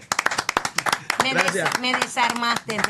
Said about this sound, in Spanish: Aplauso.